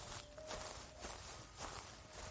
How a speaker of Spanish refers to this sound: En la grabación se oían pasos lentos.